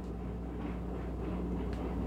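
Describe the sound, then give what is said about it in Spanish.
A coffee maker brewing without filtering properly, giving off a steady low rumbling hum with a soft hiss on top and a faint brief tick near the end; no one speaks. “¿Qué es lo que suena? Mi cafetera.”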